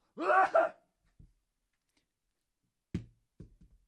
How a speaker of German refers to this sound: Ich werde dafür demonstrativ niesen in meine Armbeuge.